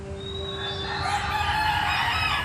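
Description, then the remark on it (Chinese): A flock of hens clucks and squawks together, with a rooster-like crow rising through the busy, continuous din, as someone tries to take eggs from under the hens. The sound grows louder after a quieter start, with no one talking. “你们的第二轮比赛就是设法从母鸡身下取走鸡蛋。”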